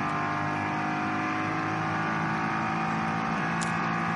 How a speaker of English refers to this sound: Now, what have we got slowing down here? This is the... Is that the Komoda? Yeah, the Komoda racing car.